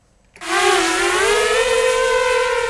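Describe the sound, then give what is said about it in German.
A drone races over a hill in eastern Ukraine, about 20 kilometres from the front: its loud, high buzzing whine starts abruptly and holds steady, pitch sliding slightly upward before leveling off, layered with airy hiss. No one speaks. “Eine Drohne jagt über den Hügel.”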